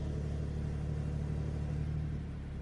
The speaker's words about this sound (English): Listen to that. There's actually zero... zero starting up. It just spins the car up straight away and starts the engine, and then you get that great sports exhaust as well.